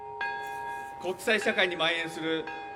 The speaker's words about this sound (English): The crowd observed a minute's silence after a peace bell chimed at 11:02 a.m. local time. That was marking the exact time the bomb exploded.